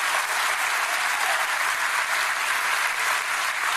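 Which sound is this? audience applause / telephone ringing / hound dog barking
audience applause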